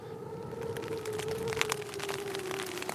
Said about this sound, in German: Ich kann ja nicht raus in den Regen und abbauen. Dann wird ja alles nass.